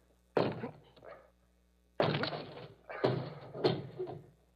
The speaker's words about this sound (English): Can you force the door? Well, yes, of course, but... Then please do. All right. Here goes.